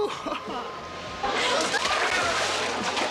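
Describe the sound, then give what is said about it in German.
Water sloshing and splashing in a hotel swimming pool during a pool party, steady at first, then swelling into louder, busier splashes halfway through, with indistinct voices faintly mixed in beneath. “Da läuft wieder so eine Larry-Party am Pool. Das machen wir öfter, so unter Wasser, altrömisch.”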